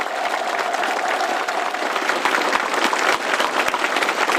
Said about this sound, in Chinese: 对演员们的精彩表演频频鼓掌致意。